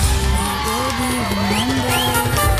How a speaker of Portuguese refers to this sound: Palmas, palmas, palmas.